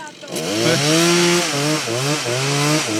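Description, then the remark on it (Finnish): A chainsaw engine runs steadily for a few seconds while sawing, its buzzing drone rising and dipping slightly in pitch as it revs, loud and continuous with no talking over it. “Annat sen soida vaan lisää, niin kuin sen sahaa.”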